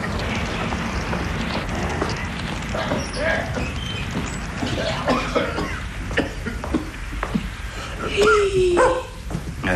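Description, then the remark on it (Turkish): A big dog with muddy paws barks a few times during heavy rain, over a steady background hiss, with scuffling and footstep-like clatter and a brief high whine near the end. “Odanın içine koca köpek sok.”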